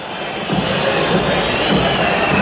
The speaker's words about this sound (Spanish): Final del juego para el primer tiempo. La gente hasta silba con desgano como el equipo. 0 para River, 0 para el Blooming.